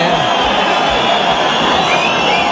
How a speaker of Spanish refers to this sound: Pero aparte, mira, ahora la gente empieza a chillar. Claro, ¿por qué? Porque no se lo han dado.